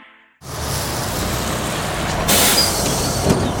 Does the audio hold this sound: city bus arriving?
yes